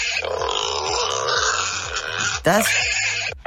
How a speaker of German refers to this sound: Das sind kleinere Wildschweine. Das sind Schweinchen.